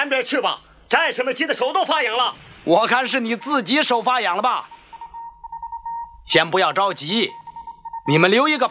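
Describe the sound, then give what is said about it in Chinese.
A telephone, line number one, rings for the battalion commander in steady, sustained bursts during pauses between people talking, the ring moderately loud, dropping out whenever the voices resume. “营长，一号电话。”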